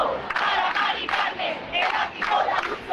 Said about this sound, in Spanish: 10.000 personas, según la delegación del gobierno en Madrid, agitando sus llaves a modo de protesta frente a ese ático de la Comunidad de Madrid.